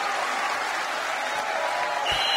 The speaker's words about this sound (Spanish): Un aplauso fuerte.